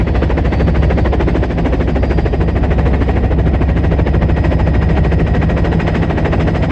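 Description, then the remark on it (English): An orange and white helicopter flies over the snow-capped mountains of the Alps, its rotor chopping steadily and loudly throughout, a dense, rapid thumping over a deep engine drone, with no pauses and no voices. “The orange and white helicopter cruises over the snow-capped mountains.”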